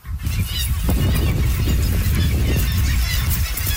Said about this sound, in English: When you first get there, you really hear it. Birds everywhere. And it's just deafening sound of hundreds and thousands of birds.